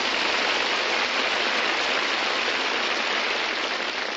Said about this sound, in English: You open the door and the neighbors applaud. It's really something. All the houses on radio programs have built-in applause, I've noticed.